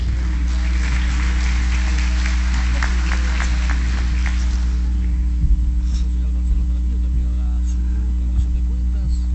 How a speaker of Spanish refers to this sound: Un fuerte aplauso.